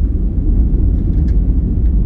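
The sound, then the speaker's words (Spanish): A steady, continuous white noise sample with a deep, rumbling low-heavy wash, holding at an even loudness for about two seconds, with no voices. “Ahí tenés un ejemplo de ruido blanco.”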